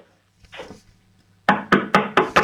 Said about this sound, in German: So, jetzt geh mal zu einem Fenster und dann klopf mal an die Fensterscheibe. Aber bitte nicht mit dem Löffel, sondern mit der Hand.